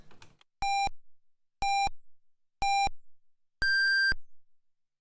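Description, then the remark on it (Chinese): A radio hourly time signal marking 8 o'clock Beijing time on Harbin Radio and Television Traffic Radio, FM 92.5: four electronic pips at an even one-second pace, three short identical tones followed by a longer, higher final beep, loud and clean against silence after a brief fade of prior sound. “北京时间8点整， 哈尔滨广播电视台交通广播， 听城市声音，温暖出行人。”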